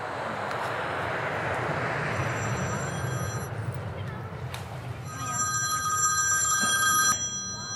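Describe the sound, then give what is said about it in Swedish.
Two ringback tones as a woman places an outgoing phone call from an airport, each lasting about a second and a half with a pause between, heard over a steady wash of busy crowd and engine noise. “Okej, nu ringer hon på flygplatsen.”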